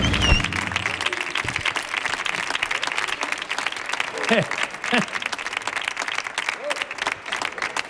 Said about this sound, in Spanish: …, señoras y señores, otro aplauso más, que siga el aplauso.